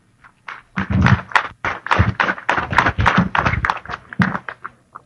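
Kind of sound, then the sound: crowd, audience applause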